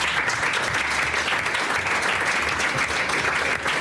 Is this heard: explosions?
no